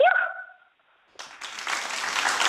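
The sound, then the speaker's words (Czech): A brief sliding tonal note fades away, then after a short pause an audience at a concert breaks into dense applause for the singer who has just performed a song, swelling and continuing, fairly loud. “Tak to musím ten potles nechat doznít”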